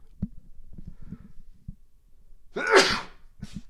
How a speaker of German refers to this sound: jetzt muss ich mal eben niesen.